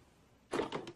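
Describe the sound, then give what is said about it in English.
A man swings a door shut after a moment of quiet: a short thud followed by a couple of quick rattling clicks as it settles. No one speaks. “He closes the door, looking shocked and confused.”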